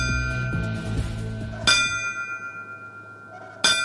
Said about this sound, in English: The ringing of bells honored the fallen firefighters on that fateful day during yesterday's Riverfront Museum 9/11 remembrance ceremony.